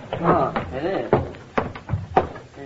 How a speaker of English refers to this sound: What's that? What? Sounds like the front door banging in the wind.